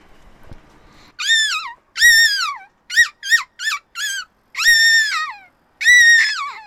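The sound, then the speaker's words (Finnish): A child's voice imitates a seagull call with a series of loud, shrill, wavering squeals, several longer cries mixed with a quick run of short yelps. “…, haluaisitko sä esittää meille sun lokkiäänen nyt tähän lopuksi vielä?”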